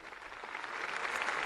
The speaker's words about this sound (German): Dieser Einladung des Papstes stimmt das versammelte Volk Gottes mit Applaus zu. Applaus, Klatschen.